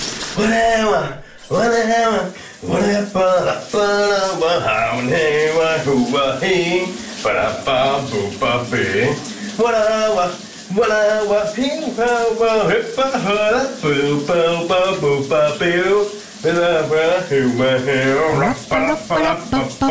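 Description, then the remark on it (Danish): A man hums a pop tune steadily while showering in the morning, his melodic voice carried over the constant hiss of running shower water for the whole stretch. “Dagens brusebads hit skal du få lige nu.”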